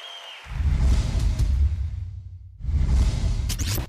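A crowd applauds in two loud, dense bursts separated by a brief lull, the clapping rushing and rumbling together with no voices over it.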